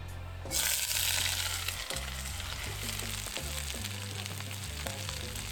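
Vegetables, including pepper, hit hot Kreta Botanika extra virgin olive oil in a cast-iron wok with a sudden loud sizzle, settling into a steady crackling hiss with occasional pops and faint scraping stirs, over a low background hum.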